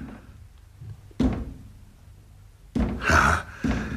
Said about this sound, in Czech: Ale proč klepe na dveře? Proč ji neotevře?